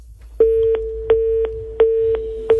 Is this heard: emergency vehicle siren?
no